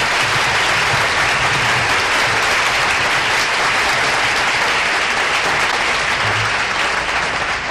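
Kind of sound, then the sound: crowd, audience applause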